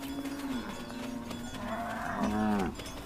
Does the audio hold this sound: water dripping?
no